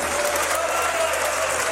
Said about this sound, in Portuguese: Cristo, mais forte aplausos para o Senhor.